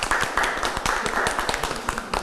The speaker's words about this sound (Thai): ขอเสียงปรบมือด้วยครับอย่าให้น้อยหน้านะครับ